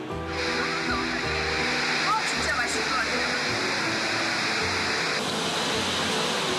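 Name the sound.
flowing water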